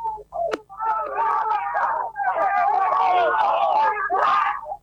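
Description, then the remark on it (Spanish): Several voices shout and whoop together in loud, overlapping bursts of celebration after a driver's first win in a TC Pista race, continuous for a few seconds with a brief dip in the middle. “El griterío, la alegría enorme”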